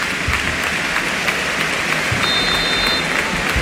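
stadium crowd applauding

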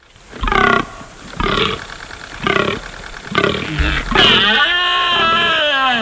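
fallow deer rutting groan

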